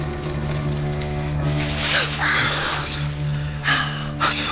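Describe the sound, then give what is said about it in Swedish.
A few short bursts of leafy rustling as a fox moves through bushes rise over a steady low humming drone, with a longer rustle near the end. “Det var någon som rörde sig i buskarna.”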